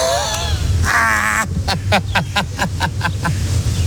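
A flurry of harsh, repeated crow calls rings out overhead in quick succession, about eight sharp caws in a row over a low background rumble.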